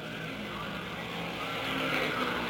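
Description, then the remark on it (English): A steady, dense roar of race car engines during the 500-mile race fills the scene, with laydown-engine cars driven by Jimmy Bryan and Tony Bettenhausen among those running at the front. It drones continuously and swells slightly louder near the end, with no voices heard. “And so all three of the cars with the engines laid over on the side, similar to the car that Sam Hanks drove last year to victory, are running 1-2-3.”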